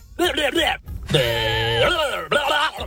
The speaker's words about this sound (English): Is it a goat? It is a goat.